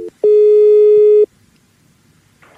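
A steady electronic telephone ringing tone on an outgoing call sounds for about a second, a single sustained beep with harmonics, followed by quiet line noise and a brief faint rustle at the end.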